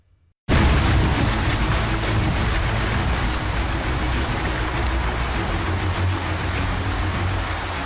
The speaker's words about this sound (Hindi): तस्वीरें बाराबंकी की, देखिए सरयू में उफान आया और आसपास का इलाका पानी पानी हो गया।